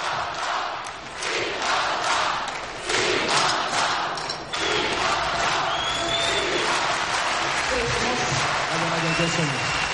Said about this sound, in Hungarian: Tessék csak figyelni, hogy zúg az aréna, zúg, üvölt a közönség.